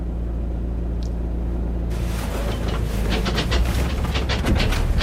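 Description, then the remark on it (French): A steady, loud low engine rumble from inside a moving car driving toward a field near Geneva, Switzerland, carrying a buzzard used to scare birds, with a burst of rattling road noise rising after the first couple of seconds and no one speaking. “Donc on se rapproche en voiture du champ, faut pas être trop loin pour que la buse puisse attaquer, et en même temps, faut pas se faire repérer.”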